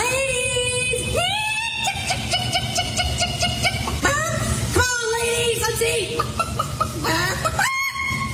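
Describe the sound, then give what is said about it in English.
A person imitates chicken calls in a chicken calling competition, letting out a string of loud, rising squawks and clucking crows in uneven bursts, with strained, sliding high-pitched tones that sound like a rooster. “And this year it was the chicken calling competition.”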